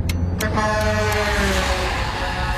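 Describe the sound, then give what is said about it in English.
A loud truck horn blares continuously as a car merges in front of the truck, its steady, droning tone sounding over rumbling road and engine noise for a couple of seconds, with no one talking. “I'm going to pull in front of this truck.”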